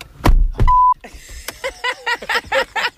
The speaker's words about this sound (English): It was Easter and we were late. Let's get in the car. Let's go. So we backed out of the driveway. Did you unplug it?